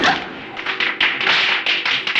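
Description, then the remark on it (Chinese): A rapid, uneven string of sharp cracks and pops from firecrackers going off, loud, the bursts overlapping into a continuous crackling clatter with no voices. “你怕鞭炮声音？”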